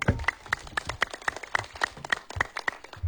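A small group applauds with steady, brisk hand claps, sharp and fairly loud, continuing evenly for a few seconds with no voices.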